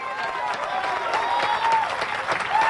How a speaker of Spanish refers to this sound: Aleluya, todavía, ay Dios mío, yo voy a aplaudir por usted en esta noche.